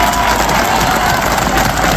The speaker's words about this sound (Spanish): Queríamos darle un fuerte aplauso a todos por la labor tan grande que están haciendo con nosotros, ¿vale? Un aplauso y un viva por todos ellos.